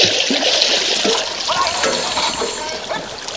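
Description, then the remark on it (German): Water splashes and sloshes steadily, a continuous bubbling churn as divers break the surface, with no voices over it. “Ah, sie kommen wieder hoch.”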